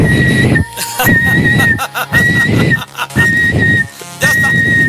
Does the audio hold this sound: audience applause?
no